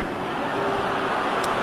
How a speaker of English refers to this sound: And the groan from the crowd here in Pittsburgh.